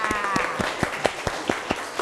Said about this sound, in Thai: ขอเสียงปรบมือให้นักเรียนชายหน่อยค่ะ